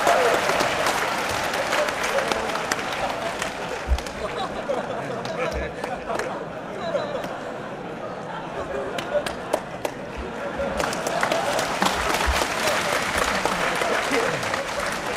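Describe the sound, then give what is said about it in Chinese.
An audience applauds steadily for about fifteen seconds, a dense wash of many hands clapping that dips slightly midway and swells again toward the end, with no speech over it. “大家不要鼓掌，一鼓掌我容易骄傲。”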